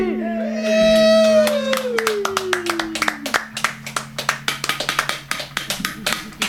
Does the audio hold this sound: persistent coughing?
no